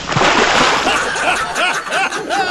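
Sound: water being splashed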